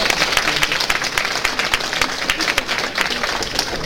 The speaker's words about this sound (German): Vielleicht etwas, was man auch mal uns sagen muss, diese Herrschaften, die hier vorne sitzen, das Ganze beurteilen, kommen alle ehrenamtlich, um solche jungen Talente eine Anerkennung zu bringen. Einen riesen Applaus dafür.